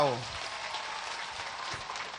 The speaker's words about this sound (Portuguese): Mas antes de se apresentarem, queria pedir para que os nossos líderes, os nossos grupos culturais, o nosso líder que leu a mensagem, nós possamos bater uma grande salva de palmas para eles.